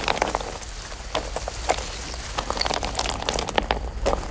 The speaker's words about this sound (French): Est-ce que tu entends l'eau de la rivière ? La rivière coule. La rivière coule paisiblement.